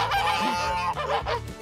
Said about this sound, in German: Na? Na, Gänse.